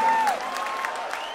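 Steady audience applause, a dense wash of many hands clapping at even loudness, with a brief whistle-like tone fading at the start and faint crowd noise underneath.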